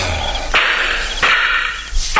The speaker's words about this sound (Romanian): S-a tras! Da, e adevărat, Pintea! Patru focuri! S-a tras din două părți!